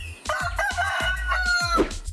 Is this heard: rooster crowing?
yes